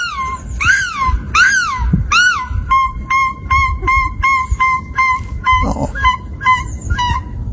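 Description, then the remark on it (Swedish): A woman's voice mimics a gull with three loud, drawn-out wailing cries, then several gulls answer her with a rapid run of short, sharp calls, some overlapping, over faint background noise. “Det första var hon, och sen så hör man då några måsar som svarar.”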